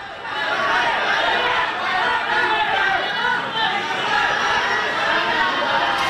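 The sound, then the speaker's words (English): A large crowd in Indonesia chants and shouts together as Dadan Hindayana, former head of the National Nutrition Agency, is escorted in handcuffs from the Attorney General's office; a dense, loud, continuous roar of many voices that holds steady throughout without any single speaker standing out. “Amid crowds of chanting people, Mr.”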